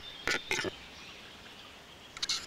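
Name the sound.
capercaillie courtship display call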